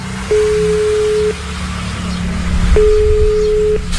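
Two one-second bursts of a steady, mid-pitched phone ringback tone from a phone call put on loudspeaker, sounding slightly tinny, over a low background rumble with no talking.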